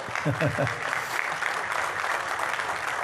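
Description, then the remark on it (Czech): An audience claps for football player Pavel Horvát, steadily for about three seconds, a dense, even wash of many hands. A brief voice or cheer rises at the very start before the clapping carries on alone. “Zatleskejte mu.”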